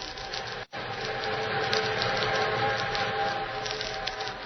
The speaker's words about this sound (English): Meanwhile, the eastbound train thundered on.